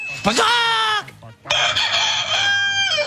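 A rooster crows loudly, two long, strained cock-a-doodle-doo calls back to back, the second drawn out longer, with no talking over them.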